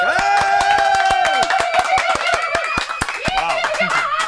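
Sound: applause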